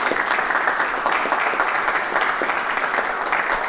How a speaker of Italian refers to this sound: Tanto le facciamo un applauso.